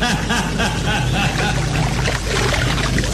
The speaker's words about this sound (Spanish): Calimán desapareció bajo las profundas aguas. Una estela de burbujas brotó en la superficie